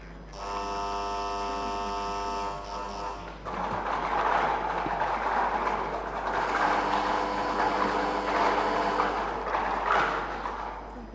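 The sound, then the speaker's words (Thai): A motorized lottery draw machine hums with a steady electric whine, then breaks into a continuous churning rattle of balls tumbling inside it as the first ball, for the hundred-thousands digit, is drawn. The sound is fairly loud, with no one talking. “ผู้อำนวยการสำนักตรวจเงินแผ่นดินจังหวัดพัทลุงค่ะจะเป็นผู้เสี่ยงลูกบอลเป็นลำดับแรกค่ะ”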